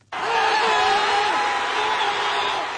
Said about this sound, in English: Supporters have been chanting, clapping and cheering after the New York Knicks came from behind in the closing minutes to clinch victory after five decades.